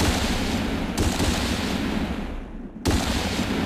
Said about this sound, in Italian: Sulle rive dello stagno infuriava la guerra contro gli animali. L'aria crepitava mentre l'uomo bianco sparava.